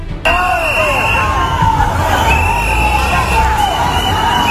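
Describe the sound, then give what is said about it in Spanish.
A loud, dense crowd in Ceuta roars and shouts continuously, booing and yelling "coward" at Spain's Interior Minister Fernando Grande-Marlaska, voices overlapping in an angry clamor, with a shrill whistle or horn cutting through at times. “Entre abucheos y gritos de cobarde, Marlaska defendió en Ceuta la actuación de las fuerzas de seguridad y anunció nuevos refuerzos policiales.”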